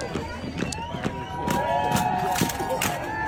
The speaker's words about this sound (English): There was a section of a 4th of July parade, and they were doing a folding lawn chair marching band thing. So all these people with folding lawn chairs, here's what it sounded like, by the way.